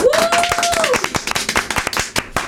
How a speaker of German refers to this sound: Ja, Applaus. Allerdings.